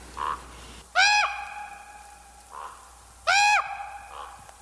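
Two loud, harsh crow or raven calls ring out at a dump, about two seconds apart, with a few fainter, softer croaks in between against a quiet outdoor background.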